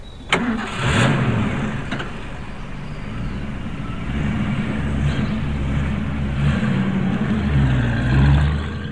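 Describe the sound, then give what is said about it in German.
A heavy military truck loaded with glycerin cranks and catches with a sharp start, then rumbles loudly and revs up and down through several gear changes as it pulls away from a military base, with no voices. “LKW hat den Stützpunkt verlassen.”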